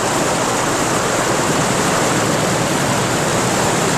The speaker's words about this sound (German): Sie waren in einen Wasserfall geraten, der tief, tief ins Erdinnere hinunterstürzte.